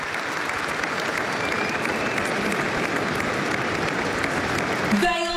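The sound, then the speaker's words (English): Sustained applause from a large stadium crowd, both teams and their fans, in a moment of applause honouring the late Billy Smith: a dense, steady roar of clapping that holds evenly throughout, with a faint voice emerging right at the end. “So the applause, which is fantastic, a nice way of doing things these days to pay tribute.”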